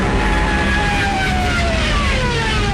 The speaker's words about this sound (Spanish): También millones de civiles, peleando por un hueco en trenes y camiones, o a pie, largas filas en las carreteras, espantadas por el estruendo de los aviones Stukas, de sus ametralladoras y sus sirenas, apodadas las trompetas de Jericó.